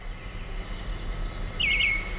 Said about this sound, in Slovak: Pozri, koľko vtáčat. Naháňajú sa na slnku a vánok im perie natriasa. Čo sa tak čuduješ? Vtáčence patria k slnku.